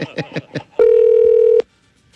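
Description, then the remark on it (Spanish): Four quick taps give way to a single steady, mid-pitched electronic tone, a phone call to a young woman ringing out unanswered for under a second before cutting off into silence. “¿Llamamos a la muchacha?”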